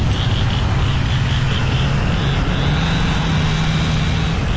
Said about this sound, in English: Morning after the tornado, the Wash Trailer Park in Boca Chica was filled with the sounds of saws, truck engines, and people calling out across the wreckage.